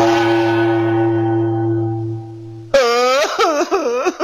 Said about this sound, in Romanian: Hai, gongul!